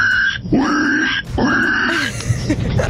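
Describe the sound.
A caller from Bologna imitates a pig, making two drawn-out, nasal grunting snorts followed by a rougher burst of grunts, loud, with no talking.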